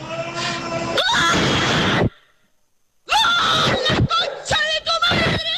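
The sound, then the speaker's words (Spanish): A person yells loudly in excited celebration of a goal by Argentina: one long, strained shout, a second of silence, then a string of shorter, choppy shouts. “Estaba durmiendo al bebé, y en medio de eso, viene el gol de Argentina”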